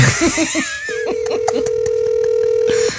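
A phone call rings out over a speakerphone as one long, steady electronic tone lasting about two seconds, preceded by brief laughter and chatter.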